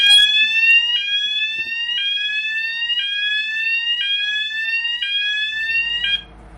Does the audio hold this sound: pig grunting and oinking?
no